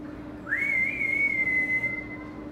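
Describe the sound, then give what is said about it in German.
A female zookeeper whistles one long, steady note to call a zoo animal, swooping up at the start and then holding for nearly two seconds over a low background rumble, clear. “Man muss laut rufen und gut pfeifen können.”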